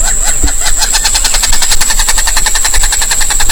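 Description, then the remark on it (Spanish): A wattled jacana (gallito de agua) in the Orinoquía region calls in a fast, steady chatter of sharp, repeated notes lasting several seconds, loud throughout, with a continuous thin high-pitched whine running underneath. “Este sonido corresponde al canto del gallito de agua y hace parte del proyecto A Ritmo de Pájaros de la Fundación Corocoras.”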